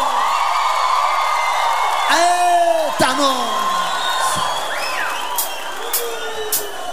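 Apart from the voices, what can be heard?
audience shouting and cheering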